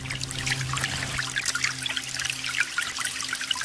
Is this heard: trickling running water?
yes